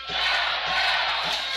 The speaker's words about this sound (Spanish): Aquí por lo pronto la gente empieza a gritar bolero, bolero.